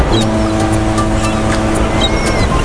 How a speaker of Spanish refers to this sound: Escucha, parece que estamos junto al mar, ¿verdad?